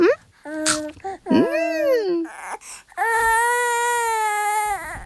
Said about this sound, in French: Doudou se demande pourquoi ce bébé Doudou pleure autant. Peut-être que le bébé Doudou pleure parce qu'il a faim.